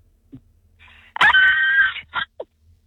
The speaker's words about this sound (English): Okay, well, give me your best Hollywood horror scream in spotlight for everyone to hear.